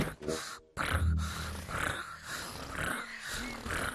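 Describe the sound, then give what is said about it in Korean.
A voice imitates a contented tiger with a low, rumbling purr-like growl, steady and throaty for several seconds, with breathy snorting textures and a brief gap near the start. “그리고 호랑이 기분이 좋을 때 이런 소리를 내.”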